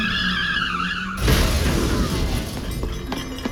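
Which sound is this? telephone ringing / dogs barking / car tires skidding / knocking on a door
car tires skidding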